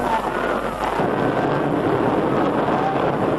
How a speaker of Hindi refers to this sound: अब वो देखो क्षितिज पर अपना विमान आ रहा है।